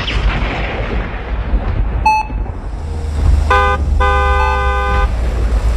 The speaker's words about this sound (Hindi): Horn कौन हो सकता है?